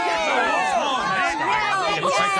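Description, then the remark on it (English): A crowd of many voices cheers and shouts at once at a children's sports game, a dense, steady wall of excited yelling that stays loud throughout. “Oh, I love to hear all the cheers from the crowd.”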